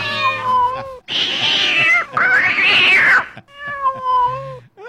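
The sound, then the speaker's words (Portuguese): A cat meows loudly and repeatedly, drawn-out wavering cries that swell into harsh, strained yowls in the middle before settling back into plaintive mews, with no talking. “Show, gato, pra lá.”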